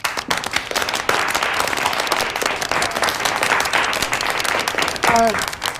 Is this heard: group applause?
yes